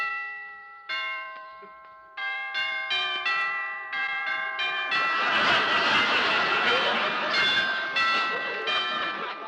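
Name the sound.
doorbell ringing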